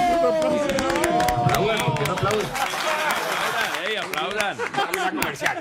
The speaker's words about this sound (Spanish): Por favor, un aplauso.